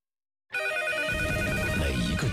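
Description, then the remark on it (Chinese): A hotline telephone rings after half a second of silence, a steady electronic tone with layered harmonic pitches that continues at an even loudness, joined by a low rumbling wash partway through. “铃声都是您对我们的信任与期待，在这里，无论是大事小情还是极难筹盼，我们都是您最坚强的后盾。”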